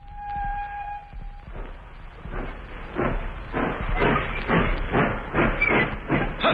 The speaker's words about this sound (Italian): La nostra scherzosa locomotiva si sta avviando.